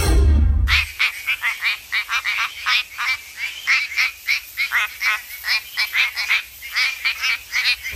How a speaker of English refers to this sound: This is the quacking frog The quacking frog from WA.